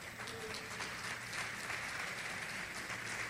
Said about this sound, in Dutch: Kunnen God een applaus geven daarvoor?